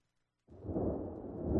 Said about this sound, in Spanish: Escucha los truenos.